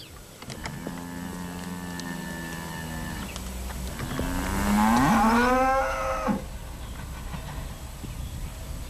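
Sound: cattle mooing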